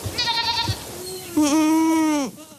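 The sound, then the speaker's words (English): Goats bleat twice, a shorter call followed by a louder, longer, wavering bleat, with faint outdoor background and no talking, as a herd eats snowberry, hawthorn and Oregon grape brush on a rocky slope near Spokane, Washington, on a late July morning, clearing wildfire fuel. “On a late July morning on a rocky slope near Spokane, Washington, Craig Madsen is watching his goats attack snowberry bushes, hawthorn, and Oregon grape.”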